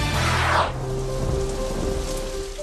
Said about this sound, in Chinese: 夏季雷雨天气频繁，雷电具有强大破坏力，易造成人员伤亡和设备损坏。